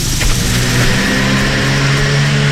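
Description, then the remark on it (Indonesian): A car approaching from behind revs its engine with a steady, throaty hum, loud throughout, its low droning tone holding level without speech or other sounds. “Anda tidak tahu apa yang datang dari belakang, melainkan jika anda ada mata. Di belakang kepala, berjalanlah dengan menghadap lalu lintas.”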